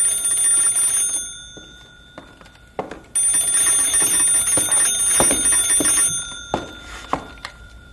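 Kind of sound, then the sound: household object, telephone ringing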